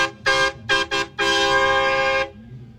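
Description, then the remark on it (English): The horn on Jixter's own car honks four times: a short blast, two quick taps, then a long held blare, bright and harmonic with a steady pitch, over a low rumble with no talking. “It's the horn on Jixter's actual car.”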